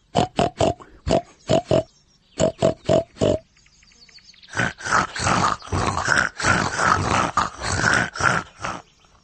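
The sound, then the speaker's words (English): Pig grunting: short, snorty grunts come in quick rhythmic clusters, pause briefly, then return as a louder, denser run of rough grunts, with no talking. “Grunt like a pig in a sty.”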